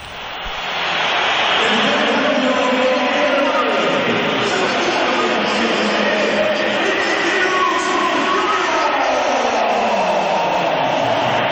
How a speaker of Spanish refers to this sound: Mira, o vamos, vamos a oír los pitos también a Vinicius cuando se iba del partido.